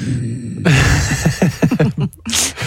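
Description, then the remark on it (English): A single sneeze bursts out near the end as a sharp, hissy snap, following a couple of seconds of muffled, broken vocal sounds. “Bless you.”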